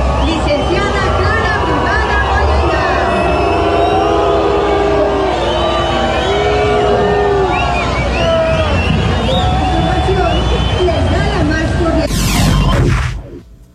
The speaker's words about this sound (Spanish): No me quedó claro si fue abucheo, ¿no? Sí. Estaban diciéndole brugada. ¿Sí? Sí. No, sí fue abucheo.